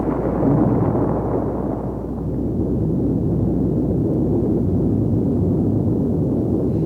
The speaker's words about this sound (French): ces bruits d'explosions nucléaires simulées, fort heureusement, jamais les habitants de la région du Luberon n'ont eu à les écouter.